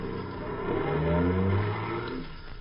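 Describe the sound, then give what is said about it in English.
A taxi, hailed by Mr. Templar and driven by Louis to 312 Main Street, revs its engine with a steadily rising whine, then pulls away and eases off, alone with no voices. “Taxi. Hey, taxi.”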